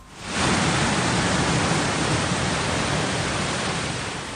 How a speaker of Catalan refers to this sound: És l'àudio de com baixava l'aigua, així se sentia.